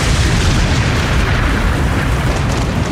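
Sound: lightning strike thunderclap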